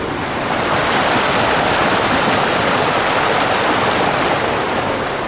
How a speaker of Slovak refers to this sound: Voda, mocná a večne tečúca voda, vykonala prácu za 100 000 konských síl.